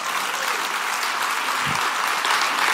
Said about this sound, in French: Dieu, si vous applaudissez, applaudissez vraiment en bon cœur, là.